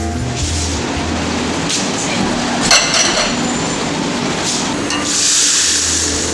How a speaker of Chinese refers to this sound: 这家老字号的米线餐馆，四五口大锅每天都在熬煮着和过桥米线搭配的神秘料汤。